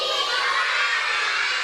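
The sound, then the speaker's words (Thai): A group of children chanting together in unison for the traditional Thai children's game Ri Khao San (รีข้าวสาร), a loud, dense wash of young voices that carries steadily through the whole short stretch without a pause. “การละเล่นนี้เรียกว่ารีข้าวสารพูดตามรีข้าวสารรีข้าวสารรีข้าวสาร”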